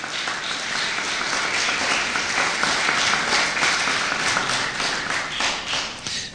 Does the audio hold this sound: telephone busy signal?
no